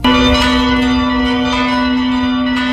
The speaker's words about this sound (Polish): Parafie obu stołecznych diecezji dołączą do obchodów rocznicy wybuchu Powstania Warszawskiego. Biskupi proszą o uruchomienie dzwonów w godzinę W w każdym w kościele.